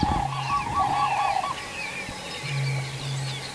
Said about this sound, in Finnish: Ja se on hauska konsertti tässä koko ajan taustalla, tämä viitasammakoiden, mutta olipa komeet kurje. Ja uusinta. Lisää. Tämä on pysäyttävä ääni. On. Tämä on tosi hieno.